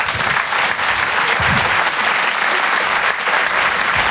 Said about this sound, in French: Je vous demande de l'applaudir très fort, s'il vous plaît.